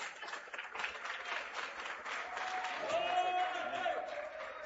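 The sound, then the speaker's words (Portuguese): An audience claps steadily during a worship service to glorify the name of Jesus, a dense, continuous patter that grows slightly louder partway through, with a brief high tone and some voices mixed into the applause. “e as palmas glorificam o nome de Jesus.”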